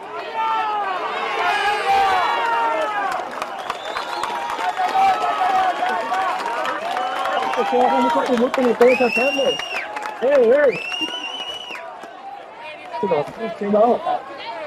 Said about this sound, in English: It looks like they've passed over a stretcher. There are applause. I'm just getting closer to see.